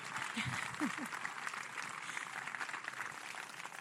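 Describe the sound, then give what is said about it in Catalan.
A crowd applauds the festival committee, a dense wash of clapping that holds at an even level for several seconds, with a few faint voices briefly audible near the start. “Així que un fort aplaudiment.”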